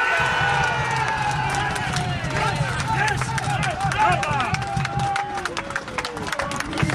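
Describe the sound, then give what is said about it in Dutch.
Supporters of Genemuiden cheer at a football sports park as the match ends, a dense crowd of overlapping shouts and excited voices rising and falling continuously, fairly loud, with a steady low rumble of crowd noise underneath. “Het gejuich aan de rechterkant naast mij is dus van de supporters van Genemuiden.”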